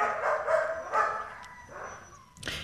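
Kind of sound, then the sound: animal, dog barking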